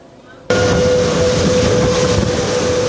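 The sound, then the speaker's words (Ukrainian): An evacuation train from eastern Ukraine arriving at a station in Ukraine's Rivne region comes in loud, its broad rumbling roar starting abruptly after a quiet moment, with a steady high-pitched squeal ringing over the noise throughout. “Цей потяг прибув зі сходу України.”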